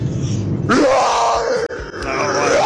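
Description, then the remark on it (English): A woman calling in to 5FM radio lets out a long, loud imitation of a lion's roar, starting low and rising into a strained, raspy cry that holds for a couple of seconds. “here is my roar.”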